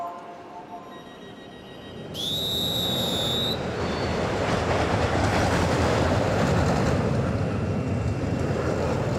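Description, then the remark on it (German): A roller coaster on its daily test run roars along its track in a steady, loud rumble, with a brief high-pitched metallic squeal of wheels early on, then continuous rattling noise. “Das ist die Achterbahn, die macht Probefahrt.”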